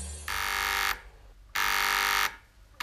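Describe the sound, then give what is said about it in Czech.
A two-way radio's call buzzer at the Horská Louka mountain hut, in a radio drama, sounds in long, harsh, loud bursts, two full buzzes of under a second each with a short gap, and a third just starting at the end. “Václave, vysílačka.”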